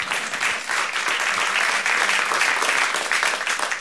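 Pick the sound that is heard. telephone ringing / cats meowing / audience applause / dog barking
audience applause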